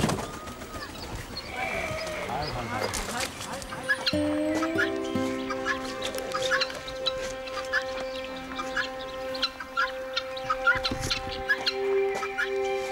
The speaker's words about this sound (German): Als letzte wird die Pfauendame aus dem Karton befreit.